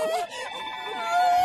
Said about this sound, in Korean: 어? 이 소리는 도움을 요청하는 코끼리 소리? 알고 보니 사냥꾼 때문에 겁을 먹은 아기 코끼리가 있었어.